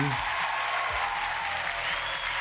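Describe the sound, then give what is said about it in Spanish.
A steady burst of audience applause for a man who has just arrived, dense rapid clapping holding an even loudness throughout, with a faint voice briefly audible underneath at the start. “Oye, un aplauso para él.”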